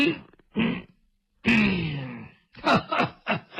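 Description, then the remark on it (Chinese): In Chinese storytelling, a performer's voice imitates an elderly woman coughing from anger: a couple of short throaty coughs, then a long strained wheezing cough, followed by a rapid burst of harsh coughs, fairly loud. “我说展昭，看见没有，老太太可是生气了，让你多待两天，你不多待，你看看咳嗽了，把老太太气咳嗽了。”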